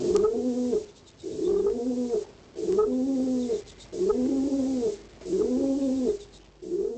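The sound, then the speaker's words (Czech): A pigeon coos in a steady rhythm, five low, throaty cooing phrases repeating about every second and a half, clear and alone with no talking. “3, 2, 1, holub.”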